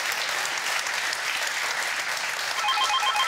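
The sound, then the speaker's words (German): Steady, dense applause from a crowd fills the whole stretch at an even loudness, and near the end a faint, repeating high electronic ringing tone joins in. “Wir wünschen eine gute Fahrt und schicken den Applaus nach Sylt.”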